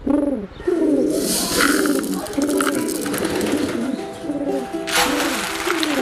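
Several pigeons coo continuously, their low throaty calls overlapping in a steady murmur, with bursts of rustling and fluttering noise, like wings, mixed in.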